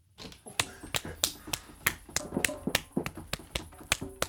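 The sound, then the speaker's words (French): A green woodpecker pecking: a steady series of about a dozen sharp, dry knocks at an even, fairly quick pace, each tap crisp and clear over a faint background. “Le pic vert me répond!”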